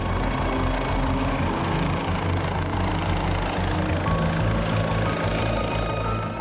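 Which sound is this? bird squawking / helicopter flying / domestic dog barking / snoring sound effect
helicopter flying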